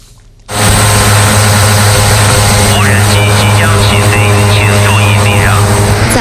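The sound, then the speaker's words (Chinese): Inspection drone propellers start up after a brief quiet moment and keep buzzing loudly and steadily, a constant whirring hum, with faint muffled voices briefly audible underneath. The drone is part of an air-ground inspection network with radar at the 8th operation area of Daqing Oilfield's No. 3 Oil Production Plant, monitoring a 9 square kilometre area around the clock. “将大庆油田第三采油厂第8作业区无人机和雷达等设备组成的空地一体巡检网络，实现了对9平方公里作业区的24小时全自动监控。”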